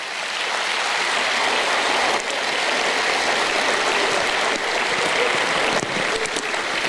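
An audience applauds steadily for several seconds as a tribute to the mothers of old, a dense, even wash of clapping with a few sharper claps standing out, and no talking over it.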